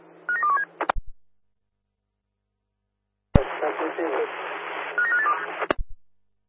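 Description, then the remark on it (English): Short bursts of telephone keypad tones as a phone call is dialed over a crackly radio channel, two transmissions separated by silence, each opening and closing with a sharp squelch click and a steady hiss underneath. “Are you able to take a phone call, over? Yeah, roger. Dial the way.”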